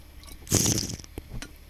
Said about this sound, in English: Yeah, I'm drinking some RFD water right now.